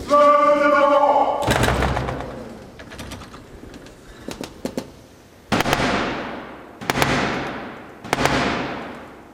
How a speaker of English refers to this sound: That was the 350-year-old tradition of the King's Messenger, the Black Rod, knocking to gain entry after having Parliament's door slammed in his face.